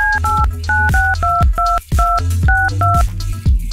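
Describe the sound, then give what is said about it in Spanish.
A quick series of telephone keypad dialing tones as someone dials a phone number to see if it is answered, about a dozen short beeps in a steady rhythm with brief gaps, loud, with no one talking. “Vamos a ver si contesta el teléfono.”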